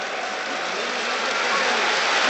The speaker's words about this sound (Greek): Χειροκροτεί ο κόσμος του Παναθηναϊκού.